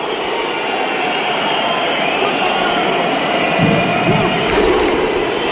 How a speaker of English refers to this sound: They sync it just perfectly. Every single person from Iceland, they're on time with the clap, and they turn the stadium into a whole Viking party. This is the thunderclap from Iceland.